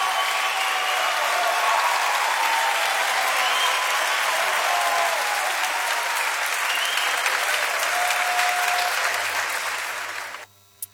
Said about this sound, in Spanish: Fuerte aplauso para los muchachos.